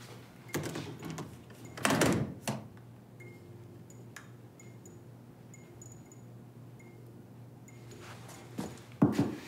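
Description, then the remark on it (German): A door is pushed shut with a couple of sharp knocks and a latch click, then a quiet stretch with faint ticking before another thud of handling at the end. “Die Türen bleiben hier wirklich nur angelehnt.”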